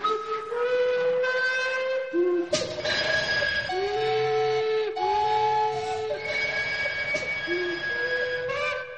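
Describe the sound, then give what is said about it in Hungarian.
The steam whistle of the Zsuzsi train, a narrow-gauge railway, sounds loudly in a series of long, chord-like blasts that step between pitches, with a rush of hissing steam underneath and no talking. “A társadalmi összefogás és fellépés megmentette tehát a Zsuzsi vonatot.”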